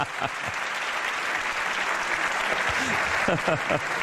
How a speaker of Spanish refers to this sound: Han aplaudido demasiado rápido, pero iba a decir Vitoria-Gasteiz para hacerme el guay aquí, pero no me ha dado tiempo.